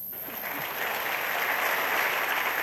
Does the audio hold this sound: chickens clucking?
no